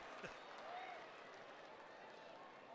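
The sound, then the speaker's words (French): A baseball stadium crowd applauds a fine catch by a young fielder in a game against the Railcats, a steady, fairly faint wash of clapping and crowd noise that holds evenly for a few seconds. “Voilà les applaudissements.”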